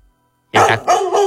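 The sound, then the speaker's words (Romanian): A dog barks three times in quick succession, loud, after a brief silence, with no one talking over it. “Ia să vedem ce comentează unul dintre prietenii noștri de aici, câine.”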